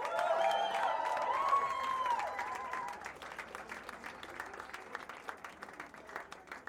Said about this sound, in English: applause for our backing vocals,